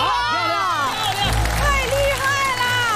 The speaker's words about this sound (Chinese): 这真是一箭成名，如果成功，掌声继续。